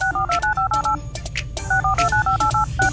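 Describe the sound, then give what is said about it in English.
A rapid string of telephone touch tones being dialed, loud, in two quick bursts of beeping key presses separated by a brief pause, over a low rumbling background. “All right, y'all, you heard the touch tones.”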